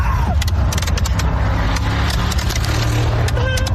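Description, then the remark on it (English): A steady vehicle rumble runs throughout, loud, overlaid with sharp scattered crackling pops and a couple of brief rising whistles, as kids on the back of a pickup truck fire fireworks into the Chelan area and at other motorists. “That's a bunch of kids on the back of a pickup truck firing fireworks into the Chelan area and at other motorists, by the way.”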